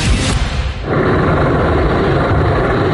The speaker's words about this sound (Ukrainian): Передсвятковий салют у небі над російським Каспійськом. Поки у Кремлі готують промови, у Дагестані позапланова репетиція.